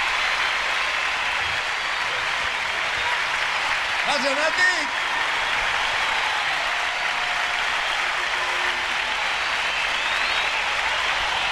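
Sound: audience applause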